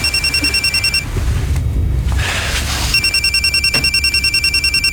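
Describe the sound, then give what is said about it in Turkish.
An electronic phone ringtone beeps in fast, high-pitched repeating pulses, pauses for about two seconds under a burst of noisy rustling, then resumes its steady beeping pattern. “Telefon çalıyor.”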